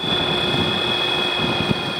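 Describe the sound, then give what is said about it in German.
A quiet electric aircraft, powered by an electric motor with a battery, drones steadily overhead, a smooth continuous hum with a thin high-pitched whine, holding at an even, moderate level throughout with no voices. “Uwe Nordmanns Flugzeug hört man kaum, denn es wird von einem Elektromotor mit Akku angetrieben.”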